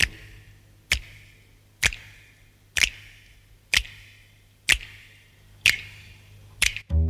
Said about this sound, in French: Vas-y, tu prépares à claquer le doigt contre le pouce. Tu es prêt? Là, comme ça. Tu es toujours prêt? Alors on y va et claque avec moi. Claque, claque, claque ton doigt sur la peau du pouce. Claque, claque, claque ton doigt, claquons tous ensemble.